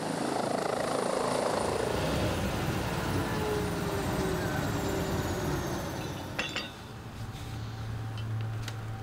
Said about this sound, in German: Der Hubschrauber ist 7 Kilometer nördlich im Industriegebiet Kaisersesch stationiert.